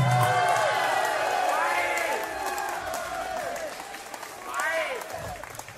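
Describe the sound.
An audience applauds steadily, dense clapping mixed with many voices cheering and calling out, loud and sustained throughout, swelling briefly near the end.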